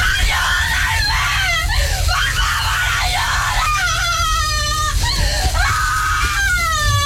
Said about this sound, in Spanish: salió corriendo de la casa y desesperadamente mientras gritaba en la oscuridad de la noche pidiendo ayuda.